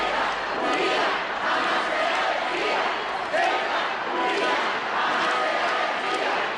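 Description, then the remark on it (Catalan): Thousands of people in Ceuta applaud and shout slogans in support of the autonomous city as they receive the Spanish king and queen, a dense, steady roar of clapping and massed voices that holds at a loud level throughout, with rhythmic swells of chanting. “Milers de persones han rebut els monarques entre aplaudiments i crits de reivindicació de la ciutat autònoma.”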